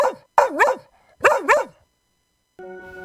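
A dog barks four times in two quick pairs, loud, mid-pitched and slightly yelping, separated by a short gap, before a steady tonal musical sound starts at the end.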